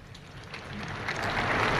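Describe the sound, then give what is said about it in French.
An audience applauds as the Pope finishes his catechesis, a dense, steady wash of clapping that swells slightly louder toward the end, with no voices heard over it. “Et le pape a terminé sa catéchèse sous les applaudissements.”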